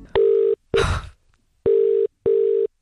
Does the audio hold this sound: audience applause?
no